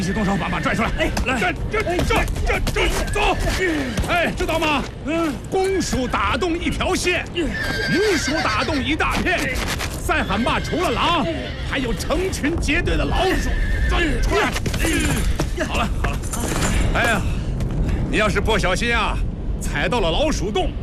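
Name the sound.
horse neighing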